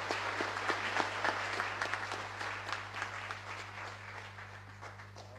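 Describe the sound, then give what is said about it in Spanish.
An audience applauds steadily in warm welcome to the visiting International Pro-Life Commission (Comisión Internacional Pro Vida), a dense wash of many hands clapping at a moderate, even level with scattered louder claps, over a low constant hum and no speech. “Estamos muy contentos por ello, le damos la más cordial bienvenida y con un caluroso aplauso que se merece.”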